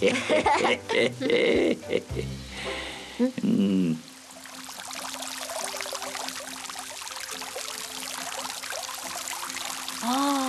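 Water pours down from a height steadily in a broad, rushing wash like a small waterfall, continuous. Voices and a few animal-like squeals come briefly at the start and a soft one near the end.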